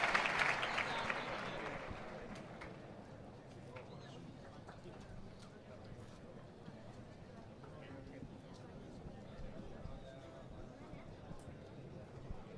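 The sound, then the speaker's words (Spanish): A large bullring crowd breaks into an ovation as it receives a bullfighter's dedication (brindis), loudest in the opening seconds, then settles into steady applause and murmuring that carries on throughout. “Escucho la ovación de del público recibiendo el brindis.”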